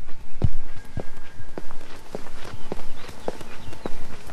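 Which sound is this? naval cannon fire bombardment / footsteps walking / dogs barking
footsteps walking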